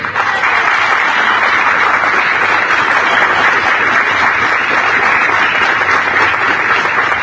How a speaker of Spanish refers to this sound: Ahora sí, queremos recibir con un fuerte aplauso a quienes son los verdaderos protagonistas de esta jornada. Bienvenidos, Río Center.